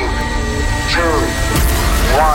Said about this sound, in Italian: Gagarin. Accensione motori.